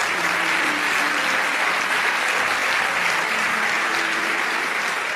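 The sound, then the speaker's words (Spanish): Sustained audience applause fills the space, a dense, steady wash of many hands clapping at an even loudness throughout, with no voices standing out above it. “Pero en el medio, vamos, dale ese aplauso.”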